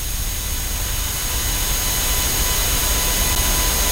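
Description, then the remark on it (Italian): The Bologna football team's coach bus arrives at its training camp hotel in Valles, its heavy engine rumbling steadily with a broad, hissing roar layered over deep low-end drone, holding an even loudness for the whole stretch with no voices. “Sta arrivando il pullman”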